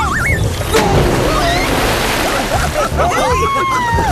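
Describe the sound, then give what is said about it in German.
A big, loud splash of water as someone jumps into a pool, followed by churning, sloshing water, with excited voices calling out in the background. “Du hast ja das halbe Becken leer gemacht.”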